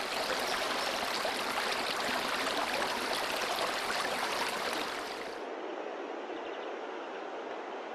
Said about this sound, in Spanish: Un espectáculo que vincula los sentidos. El rumor que del agua se escucha en su profundidad embelesa los oídos, mientras que la contemplación del agua derrochándose y saltando entre las rocas anonada la vista.